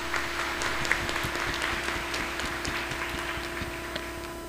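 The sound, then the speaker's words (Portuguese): An audience at Holy Mass applauds warmly to welcome the parish priest of the neighbouring parish of São João Batista de Pupiara. It is a dense, even crackle of many hands clapping at once with no voices over it, and a faint low hum runs underneath. “a quem nós acolhemos com alegria entre nós, com a calorosa salva de palmas.”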